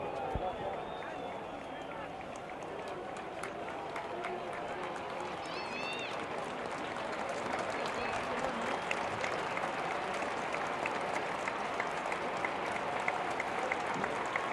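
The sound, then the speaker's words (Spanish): A large stadium crowd of Boca fans at Huracán's ground applauds steadily for Lionel Messi's father after a minute of silence, a dense, continuous wash of clapping that holds for the whole stretch, with a few faint whistles rising above it early on. “Los más absolutos y respetuosos aplausos de toda la gente de Boca en cancha de Huracán para el papá de Lionel Messi.”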